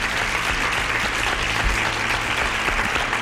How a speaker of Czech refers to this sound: Tleskám vám.